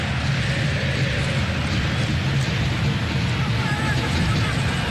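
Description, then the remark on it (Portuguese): A steady roar of football fans at Palmeiras's stadium before a Palmeiras–Fortaleza match, a dense wash of crowd babble holding an even loudness for the whole stretch with no single voice standing out. “A torcida está presente aqui, ó. Escuta só.”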